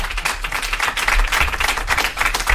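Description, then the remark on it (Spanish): An audience applauds steadily for Javier Coronas on Ilustres Ignorantes, dense overlapping claps forming a continuous, fairly loud wash of sound with no talking, holding even throughout. “Un aplauso para Javier Coronas.”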